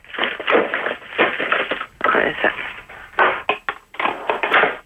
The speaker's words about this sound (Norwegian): Hva er det jeg skal gjøre med den brusflaska da? Den må du da dele på midten bare med en saks.